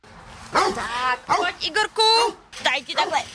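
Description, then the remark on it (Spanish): Dogs bark and yelp at an animal shelter in the village of Trutnov, Czech Republic, in several loud bursts with short pauses between them, the high-pitched calls overlapping at times as more than one dog joins in. “En un albergue para perros checos se están preparando nuevamente para los días calurosos del verano.”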